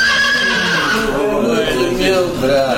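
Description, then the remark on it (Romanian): A horse whinnies loudly, a long, quavering neigh that fills nearly three seconds, its pitch wavering and trailing off toward the end. “Bietul meu căluț! Iată că te-am regăsit!”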